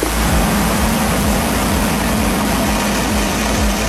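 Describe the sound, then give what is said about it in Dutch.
A rocket lifting off: a loud, steady roar of rumbling, crackling noise that fills every register, with a heavy low-end thunder and no voices, holding constant for several seconds. The rocket is launching a weather satellite bound for 36,000 kilometres above the Equator to watch clouds, storms, water vapour, dust and smoke over Europe and Africa. “En zo klonk die lancering.”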